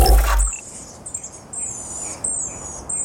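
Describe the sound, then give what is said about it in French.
A Chatham Island black robin (miro des îles Chatham) sings clear, high whistled phrases, repeated several times over steady outdoor background hiss, after a brief low thump at the start; recording from the Xeno-canto database. “Et puis François, ça va devenir une habitude, vous nous faites à nouveau écouter un bruit d'oiseau, celui-là c'est le miro des îles Chatham.”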